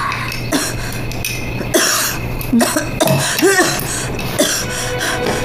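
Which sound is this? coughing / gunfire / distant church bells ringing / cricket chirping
coughing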